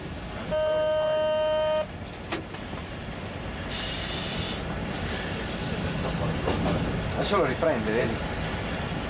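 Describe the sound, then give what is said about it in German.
A test train on a main line south of Turin toward Savigliano, Italy, sounds one steady horn blast, followed by the continuous rumble of the train rolling along the track, with a burst of hissing partway through and some faint clanking. “Auf dem rund 60 Kilometer langen Streckenabschnitt soll der Zug insgesamt 5-mal pro Tag hin und her fahren.”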